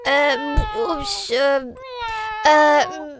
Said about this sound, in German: Die Katze in deiner Liederkiste eingesperrt? Hm, kann das sein?